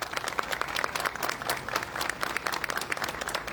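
A crowd applauds steadily, with dense overlapping claps forming a continuous, fairly loud patter that holds its level throughout without any voices.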